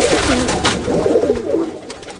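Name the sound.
pigeons cooing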